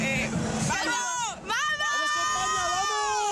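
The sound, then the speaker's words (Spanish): A crowd of football fans at Colón roars a war cry in unison in support of Spain, loud sustained voices rising together, briefly dipping before swelling into a long, drawn-out chant. “Venga, vamos a dar ese grito de guerra, ese apoyo desde aquí, esa fuerza a España.”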